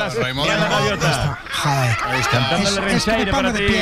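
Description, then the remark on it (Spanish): A flurry of loud seagull calls, with harsh repeated cries overlapping one another while voices chatter and chuckle underneath. “Mira las gaviotas. Joder. Está cantando el rinchairo para ti.”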